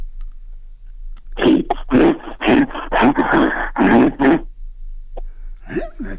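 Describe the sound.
A person imitates a bear growl with a run of loud, rough, breathy snarls and grunts, lasting about three seconds before trailing into a few quiet breaths.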